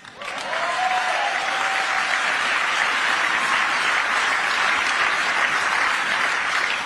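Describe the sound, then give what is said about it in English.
Sustained applause from a large crowd fills the whole stretch, a dense, steady wash of clapping that swells in quickly and stays loud throughout, with no voices standing out. “Are you going to clap and speaking after every”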